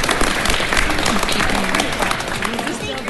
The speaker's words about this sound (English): A little round of applause for all of you that are here. Thank you.